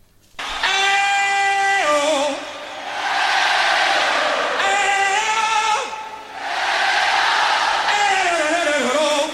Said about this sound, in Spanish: Bueno, me alegro mucho por el Papa, se merece un hey-ho y un aplauso.